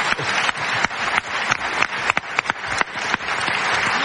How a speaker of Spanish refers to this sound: Bueno, pues un aplauso.